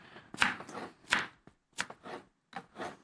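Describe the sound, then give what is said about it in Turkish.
A knife chops food on a cutting board while a salad is being prepared, in a series of sharp knocks, some strokes followed by short scraping sounds, coming in uneven bursts with brief pauses. “Şöyle onu da doğradım.”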